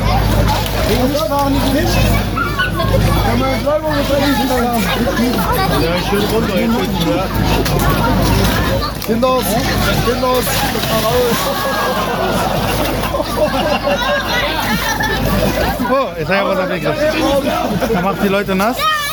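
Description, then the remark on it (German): Splashing and sloshing water as young Pentecost lads jump in and wrestle with each other in the water, mixed into a constant loud hubbub of crowd chatter and shouting. “Die kleinen Pfingstburschen springen jetzt rein. Hier bekämpfen sie sich, hier verkabeln sie sich. Und haben sie im Wasser.”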